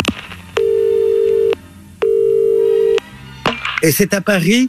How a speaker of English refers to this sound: gets an interesting phone call.